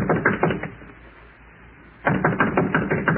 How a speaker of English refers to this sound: Which is his room? There it is. Number 14. Should we go right in? No. No, we'll knock first.